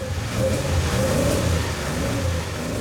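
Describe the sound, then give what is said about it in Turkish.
A car engine fitted with a new carburetor and a tubular performance exhaust manifold revs steadily: a loud, continuous low rumble with a slight rising and falling throttle, no voices present. “Karbüratöre yakıtın gitmesini bekliyorum. Biraz gaz.”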